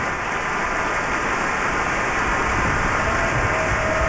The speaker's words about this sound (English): And while the applause for the Cleveland Orchestra continued for several more minutes with great appreciation for their performance of the Verdi Requiem, we are bringing the first half of this program to a close.